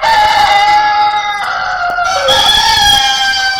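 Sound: rooster crowing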